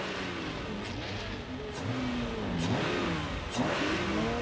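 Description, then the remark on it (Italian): A powerful twelve-cylinder car engine revs up and down several times, its pitch rising and falling in surges, loud and steady with no voices. “Von Karajan un giorno mi disse, ascoltando il vostro 12 cilindri, scaturisce un'armonia che nessun maestro saprà mai interpretare.”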